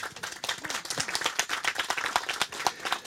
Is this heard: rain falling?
no